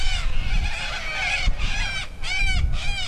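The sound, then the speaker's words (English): A flock of dozens of little corellas in paperbark gums beside a finger of the Portland River at Narrawonna community in the Pilbara region of Western Australia, screeching in a constant, overlapping racket of harsh calls, loud, over a low rumbling outdoor background. “It feeds green grass grazed by horses and paperbark gums, home to dozens of little corellas.”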